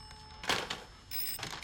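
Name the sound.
telephone ringing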